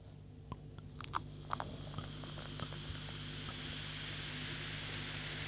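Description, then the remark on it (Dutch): A bubbly drink being poured from a bottle into a glass in front of a microphone: a steady, soft fizzing hiss with a scatter of small crackles and pops early on, over a low constant hum, with no talking. “Ik schenk er nog even één in.”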